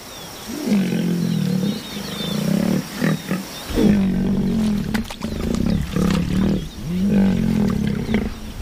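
A lion roars in a run of deep, throaty bursts, about five drawn-out rumbling calls with short breaks between them, loud and steady, with no voices present.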